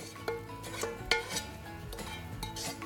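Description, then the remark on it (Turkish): A heavy red cast iron pot, about 10 kilos, is shifted and handled, giving a few sharp metallic clanks and scrapes over a low, steady background rumble, with no talking. “En sevdiğim şey kırmızı döküm tenceremi kullanmak efendim.”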